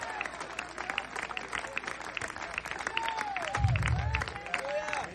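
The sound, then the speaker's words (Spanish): A church audience breaks into sustained applause for Christ of Glory during a sermon, dense clapping filling the room for several seconds, with scattered voices and shouts mixed in and a low rumble swelling near the end. “Dele un fuerte aplauso al Cristo de la Gloria en esta hora.”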